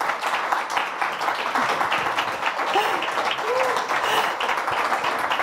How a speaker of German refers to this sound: Ja, erstmal den Applaus abholen und genießen.